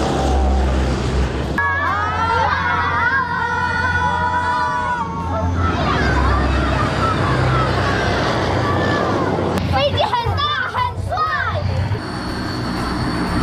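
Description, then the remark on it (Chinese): A military jet aircraft roars past at close range as it lands and taxis by, loud and steady, with high whining engine tones rising and falling over the rumble. A crowd of schoolchildren chatters in the background. “大家看到了吗？飞机又连续了。”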